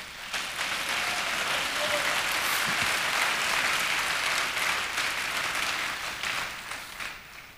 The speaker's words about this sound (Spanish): Dele palmas al Señor.